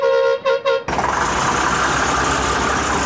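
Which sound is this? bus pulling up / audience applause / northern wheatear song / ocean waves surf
bus pulling up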